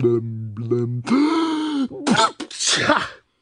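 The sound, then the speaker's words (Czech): A voice acts out a big, loud sneeze: drawn-out, groaning wind-up breaths, then a sharp, breathy burst, with no other sounds around it. “A znovu mocně kýchl.”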